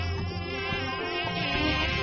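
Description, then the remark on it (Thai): A steady mosquito whine drones without a break, its thin buzzing tone wavering slightly in pitch and loudness, from mosquitoes swarming a group of carpenters. No voices are heard alongside it. “ถูกฝูงยุงรังควานมากๆกลุ่มช่างไม้ก็หมดความอดทนและงานที่ทำมาตบยุงกันวุ่นวายไปหมด มาสู้กันสักตั้งมาเลยจะตบให้ดูมาสิเจ้ายุงร้าย นี่ทางนี้ตัวหนึ่งมาตบเร็วๆเลย”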